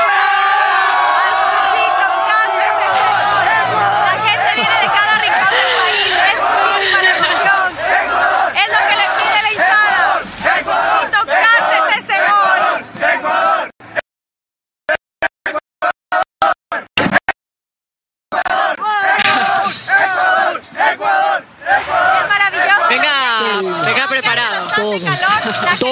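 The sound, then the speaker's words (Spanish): A loud crowd of Ecuadorian football fans cheers and chants together in a dense roar of voices, broken midway by a few abrupt cuts to near silence before the crowd noise resumes. “Bueno, el ambiente está increíble aquí, por supuesto, y hay pedido de la hinchada ecuatoriana.”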